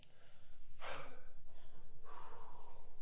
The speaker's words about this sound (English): But first of all, we just want to catch our breaths. Y'all breathing all right back there?